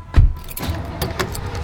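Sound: family getting into car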